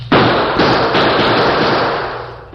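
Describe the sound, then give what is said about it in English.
A loud barrage of gunfire from a sheriff and a group of excited townsmen, met by return fire, shots coming so rapidly they blur into a continuous crackling roar that fades slightly toward the end, with no voices. “Faced with an advancing wall of gunfire from the Redford sheriff and a group of excited townsmen, the Lone Ranger put his own guns into action”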